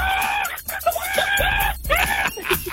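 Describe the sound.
A person imitates a chicken with a run of loud, strained squawks and clucks, several drawn-out wavering calls broken by brief pauses, with no other talking.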